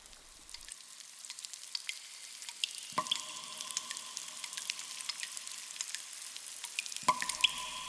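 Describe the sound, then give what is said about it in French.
Water drips steadily inside the cave from which a stream springs, echoing, with scattered quick plips and a couple of louder, ringing drops, all over a soft constant hiss of running water. “La grotte d'où jaillit le ruisseau.”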